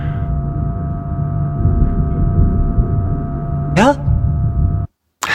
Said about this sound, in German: Wie jetzt in diesem Raum hört man auch zum Beispiel den Computer. Das ist meistens ein Rauschen oder je nachdem, was halt ist.